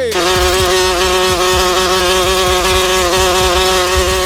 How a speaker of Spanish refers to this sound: No me gusta cuando hay mosca, porque cuando hay mosca huele a...